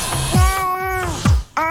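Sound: cat meowing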